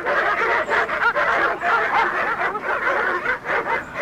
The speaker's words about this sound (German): Aber als wir nach langer Eisenbahn- und Busfahrt und einem nicht enden wollenden Fußmarsch schließlich spätabends vor dem Haus angekommen waren, begrüßte uns nicht Herr Morgan, sondern eine wild kläffende Hundemeute.